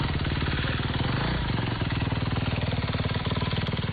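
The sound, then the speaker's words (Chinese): A motorcycle engine runs steadily on a mountain road used for disaster relief, its rapid rhythmic chugging filling the whole stretch, with a brief shift in pitch midway as it revs slightly before settling back. “摩托车骑手还协助转移群众，遇到抢险施工路段，他们也会停车等待，避免影响工程进度。”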